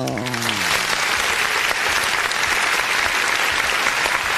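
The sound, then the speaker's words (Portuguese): A burst of recorded applause sound effect, played from a button by the production for birthday celebrants: dense steady clapping with some cheering, loud and sustained for several seconds, opening with a brief fading voice fragment at the start. “Dá aí uns aplausos, então uns parabéns aí pra todos os aniversariantes aí, produção!”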